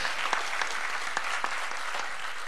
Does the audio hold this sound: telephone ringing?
no